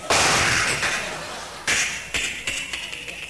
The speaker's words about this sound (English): Walk on up to that front door. Don't use a key. Pull a doorknob off.